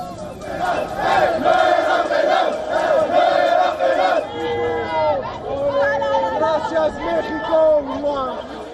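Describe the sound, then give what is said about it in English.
A large crowd of Morocco football fans celebrates a win after the final whistle, many voices shouting together in a dense roar before breaking into rising and falling sung chants that stay strong throughout, as fans hug, sing and dance. “Now, the win sent Morocco fans into a frenzy. They were seen hugging each other, singing and dancing.”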